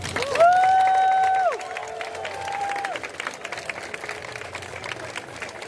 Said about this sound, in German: Und ich glaube, ihr könnt euch jetzt selber dafür mal einen ordentlichen, starken Applaus spendieren.